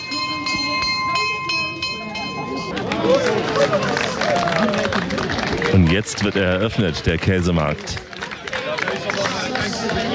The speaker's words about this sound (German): Die Glocke hat geschlagen.